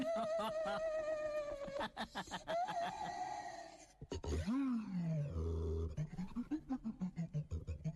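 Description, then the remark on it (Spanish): A daxophone, an experimental musical instrument, being played, its bowed wooden tongue squawking and warbling in bent, animal-like cries, with a long wavering tone, swooping slides, then a run of short yelping notes. “Escuchen bien eso. Es el sonido de el daxófono.”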